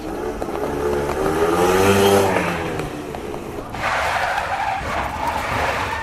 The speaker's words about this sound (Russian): Он был уже посреди дороги, как вдруг из-за поворота на большой скорости выехал мотоцикл.